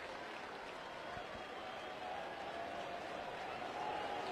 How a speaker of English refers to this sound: Tar Heel fans cheering like nobody's business behind the first base dugout.